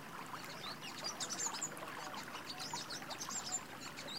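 Scattered bird chirps and twitters ring out above a steady, soft rush of flowing water in a green oasis, the calls quick and overlapping throughout, with no voices present.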